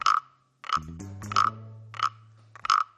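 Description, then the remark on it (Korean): Five raspy, rattling frog croaks come in a steady rhythm, fairly loud, with a low humming tone sustained underneath for most of the stretch, made as the frog's back is being scratched. “개구리가 등이 간지럽나 봐. 이거 등을 긁어주니까 노래를 부르네.”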